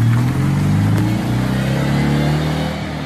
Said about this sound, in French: Le son très caractéristique de la 2 chevaux qui ne sera forcément plus le même puisque la nouvelle version sera électrique.